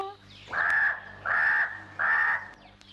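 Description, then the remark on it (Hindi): A black crow caws three times in a steady rhythm, each caw loud, harsh and drawn out, with short pauses between calls. “मैं हूँ काला कौवा, मैं हूँ काला कौवा।”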